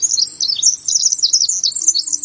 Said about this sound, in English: It might just be this tiny songster, the winter wren.